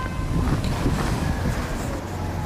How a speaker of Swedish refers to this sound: det låter ju faktiskt som en riktig storstad här fullt med trafik och liknande. Här blir det ju lite mera stress så än gågatan då.